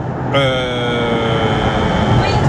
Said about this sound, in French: Et donc là, c'est votre tram ?